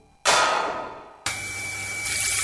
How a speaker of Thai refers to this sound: นึกว่าบ้านมีน้ำตกที่ไหนได้ท่อน้ำแตกแล้วเสียงปั๊มดังกระหน่ำไม่หยุดเลย